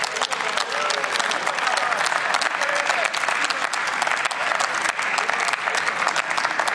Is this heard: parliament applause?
yes